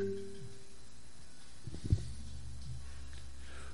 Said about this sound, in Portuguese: minha filha, não ligue nesse telefone não, que aí atrapalha o áudio do que tá mandando aqui, tá certo?